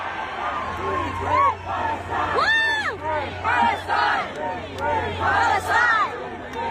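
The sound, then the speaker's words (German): A large concert crowd in South Korea chants "Free, free Palestine" loudly in unison, voices rising and falling in repeated rhythmic phrases over a steady low hum, with shouts and whoops mixed in throughout. “Und zeitweise klang es im Publikum dann auch so.”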